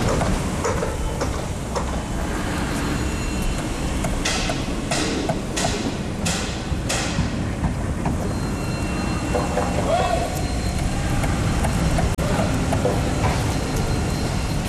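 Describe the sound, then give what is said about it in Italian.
Heavy machinery rumbles and grinds steadily throughout, with a run of sharp metallic bursts midway from a jackhammer hammering over the constant drone of excavators, with a bulldozer in the background. “Come il martello pneumatico si accorda con le scavatrici, mentre la ruspa fa da sottofondo.”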